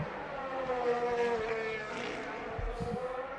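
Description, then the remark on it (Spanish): A Formula 1 car screams in at high revs at the end of the main straight, then its engine pitch drops in sharp steps as it brakes hard into the chicane, a loud, whining roar with no one speaking. “Y como digo, todavía saliendo del pit lane, enseguida vamos a escuchar ya la llegada, lo que es el frenazo hasta chicane, final de recta de meta, de los primeros coches que han salido para iniciar las últimas vueltas puntuables.”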